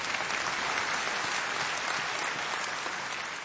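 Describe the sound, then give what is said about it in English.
A room full of people applauding steadily, a dense wash of clapping that stays loud and even for several seconds with no voices rising above it. “You can clap. Come on.”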